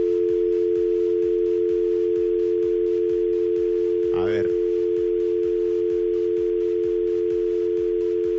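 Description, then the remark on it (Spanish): A steady, continuous telephone dial tone from a phone switched on to place a call hums loudly for the whole stretch, unbroken, with a voice briefly saying something midway through. “A ver, préndame ahí el teléfono.”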